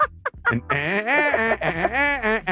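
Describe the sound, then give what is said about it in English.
A voice imitates Woody Woodpecker's laugh: a few short clipped notes, then a loud, warbling run of rapid rising-and-falling cackles, heard alone. “That's Woody Woodpecker.”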